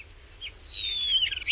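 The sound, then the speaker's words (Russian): A starling, one of the birds returning in late March, sings alone, one long clear whistle sliding slowly downward, ending in a few quick warbled notes, bright against a quiet background. “В конце марта к нам возвращаются грачи. Скворцы.”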